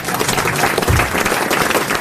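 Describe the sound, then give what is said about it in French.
An audience applauds steadily, a dense wash of many hands clapping at an even, fairly loud level for the full two seconds, with no voices standing out. “Ne m'applaudissez pas, comme disait Isabelle Mergaud, c'est mon métier.”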